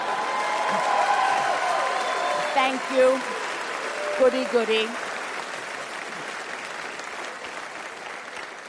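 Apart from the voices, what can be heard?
audience applause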